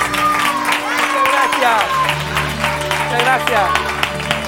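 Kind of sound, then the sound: crowd, audience applause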